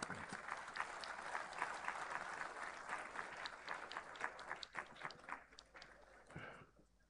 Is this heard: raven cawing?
no